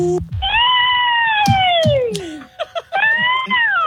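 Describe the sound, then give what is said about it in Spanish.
A woman's voice imitates a witch over the phone, auditioning for a haunted house job: a long, high, wavering wail that slides downward and sounds much like a yowling cat, then comes back briefly in a second cry, loud. “Después del sonido digital, me hace falta que usted haga el sonido de la bruja.”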